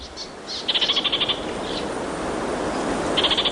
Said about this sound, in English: Kākāriki Karaka. Orange-fronted parakeet.